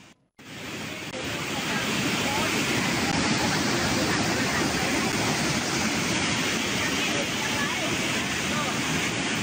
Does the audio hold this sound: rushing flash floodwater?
yes